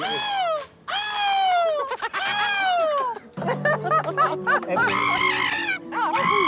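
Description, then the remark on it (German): Several voices imitate seagull calls, one after another, with loud, high, drawn-out squawks that slide downward in pitch, followed by a jumble of overlapping shrieks and cackles. “Ich will jetzt, dass jeder einmal die Möwen nachmacht, okay?”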